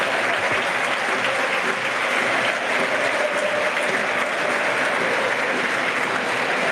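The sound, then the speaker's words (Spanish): A large crowd at El Molinón stadium applauds the players steadily at the end of the Sporting versus Girona football match. It is a dense, continuous roar of clapping that holds at a loud, even level throughout, with no one speaking over it. “El más claro ejemplo y resumen del partido, ¿no?, es el aplauso de todo el Molinón por el derroche físico y compromiso.”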